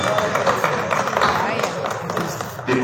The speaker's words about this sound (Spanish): Nuevamente aplauden, ¿no? ¿Qué están aplaudiendo? ¿Qué están aplaudiendo estos?